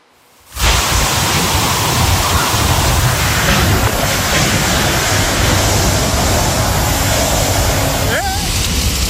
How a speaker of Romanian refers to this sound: Am văzut împreună imagini din regiunea Valencia, unde o rupere de nori a adus pe alocuri 90 de litri de apă pe metru pătrat.